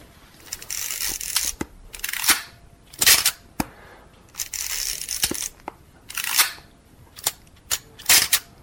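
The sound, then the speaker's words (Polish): A Zenit film camera shutter clicks over and over, sharp mechanical snaps mixed with brief rasping bursts like film winding, repeating irregularly with no voices. “Ale tu już stara prymitywna migawka przy 30 sekund już, także nie masz do roboty z lampą.”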